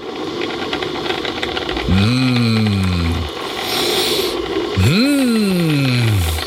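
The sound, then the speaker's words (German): The coffee machine of the RT1 morning show runs in the morning with a steady mechanical hum and rattle, broken by two loud whining bursts of grinding or pumping whose pitch slides downward, each lasting a second or more. “Das Geräusch unserer Kaffeemaschine.”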